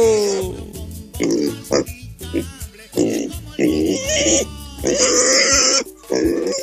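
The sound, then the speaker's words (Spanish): A pig that is being raffled off grunts and squeals in a run of choppy, irregular bursts, rough low grunts breaking into louder, shrill squeals that carry on with barely a pause. “Che, van a sortear al chancho.”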